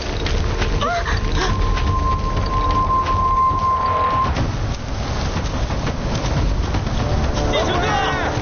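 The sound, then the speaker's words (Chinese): Heavy typhoon rain pours down loud and unbroken outside a cave, with deep rumbling thunder beneath it, while a thin steady tone sounds for a few seconds partway through. “那可不行，外面刮台风，下这么大的雨，这里离村庄又这么远，外面还不如洞里面安全呢。”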